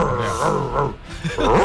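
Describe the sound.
A radio listener's voice imitates an angry dog, growling and snarling in two rough bursts with a short pause between them.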